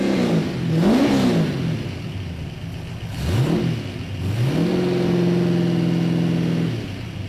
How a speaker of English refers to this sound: Well, that is the car firing up there.